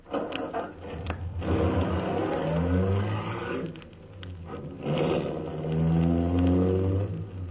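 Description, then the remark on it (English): The engine of an official MVD limousine turns over and revs, its droning pitch climbing and falling twice, loud with a steady low rumble throughout. “I got in quickly, stepped on the starter.”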